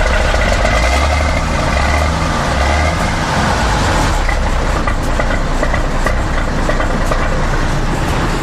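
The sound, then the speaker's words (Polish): The engine of a vintage, restored Autosan bus, which runs on Kraków's museum line, runs steadily: a deep continuous rumble with a slight mechanical rattle, idling loudly throughout with no one speaking. “Dodam, że zdjęcia tego wyjątkowego autosana znajdziecie na stronie internetowej MPK, a sam autobus będzie regularnie pojawiał się na krakowskiej linii muzealnej.”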